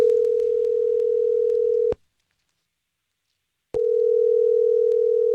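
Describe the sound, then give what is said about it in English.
A loud, steady low-pitched telephone tone from an outgoing call placed by a Star 101.3 radio show sounds for about two seconds, breaks off into silence, then starts up again. No one speaks. “We're going to give her a call, okay?”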